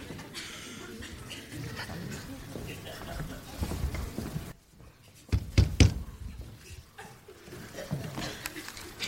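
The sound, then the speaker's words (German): A few sharp knocks on an official's office door ring out midway, loud against a murky background with indistinct voices and shuffling around them. “Wenn man an eine Amtstür klopft, dann hat man zu warten, bis jemand hereinruft.”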